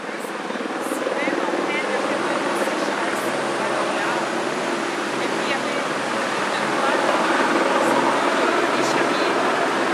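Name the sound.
helicopter flying overhead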